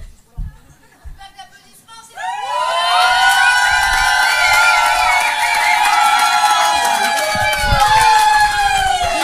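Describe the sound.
After a quiet couple of seconds, a loud wave of audience applause and cheering breaks out at a stand-up comedy show broadcast live on Radio Boomerang 89.7, full of shrill whistles and voices, and holds steady to the end.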